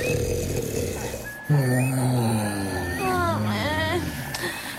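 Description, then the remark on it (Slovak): Loud, drawn-out snoring with a deep rumbling tone that swoops up and down in pitch, joined by a wavering whistle-like sound, over a steady background hum. “Všetci spia.”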